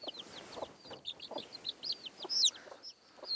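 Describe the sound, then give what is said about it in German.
A hen clucks in short, irregular bursts as someone tries to trick her, while thin, high-pitched peeping chirps repeat steadily over the top throughout. “Au, du blöde Henne, du. Nicht so einfach, einen Huhn auszutricksen.”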